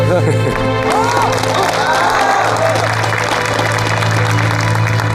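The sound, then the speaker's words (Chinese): A crowd applauds in congratulation for several seconds, a dense, loud wash of clapping with some cheering mixed in, while voices talk over it. “让我们再次用最热烈的掌声表示祝贺。”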